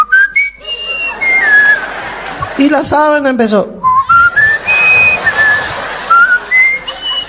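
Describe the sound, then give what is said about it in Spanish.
A person whistles a wandering, high-pitched tune in imitation of a flute, sustained notes gliding up and down, broken briefly midway by a short spoken phrase over a murmur of voices. “Cuando estaba así en la sábana, la abuela tiró la flauta y se zampó a la cama, ¿no?”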